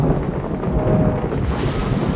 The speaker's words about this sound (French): La mer, jusque-là aussi plate qu'une feuille de parchemin, se soulève furieuse et rugissante. Le ciel lui répond dans un bruit de tonnerre. Notre mât se brise et le bateau se met à dériver au gré du vent.